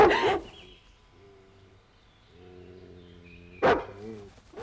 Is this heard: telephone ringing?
no